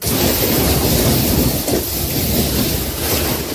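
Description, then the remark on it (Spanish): Heavy storm rain pours down in a dense, steady roar, loud throughout, with a low rumbling undertone like a storm. No voices are heard. “Y lo estás escuchando, tormentas que han obligado a los bomberos a atender 270 avisos por incidencias causadas por la lluvia.”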